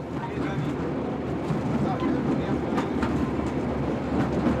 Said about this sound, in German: Wir aber haben das Glück, einige Eisenbahnfans bei einer Trolleyfahrt nach Jerusalem begleiten zu dürfen.